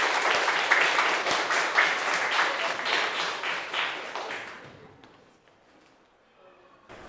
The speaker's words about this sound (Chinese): 好，来，有请我们的肉菜摊主小组。好，大家掌声欢迎。